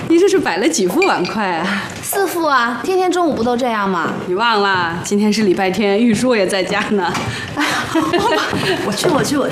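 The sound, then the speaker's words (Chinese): Light clinks of four sets of bowls and chopsticks being set down on a table for lunch, scattered and fairly soft, nearly buried under continuous lively talking and a bit of chuckling. “你这是摆了几副碗筷啊？”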